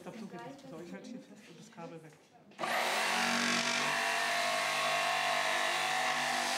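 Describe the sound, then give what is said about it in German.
A person speaks briefly, then a loud electric circular saw starts abruptly and runs steadily, with a harsh whining roar that continues to the end. “Das Kabel sollte nicht in den Sägebereich hineinreichen.”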